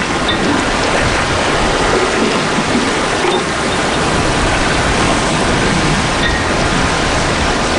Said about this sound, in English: It's raining now, but not much wind. Everything's settled, gray.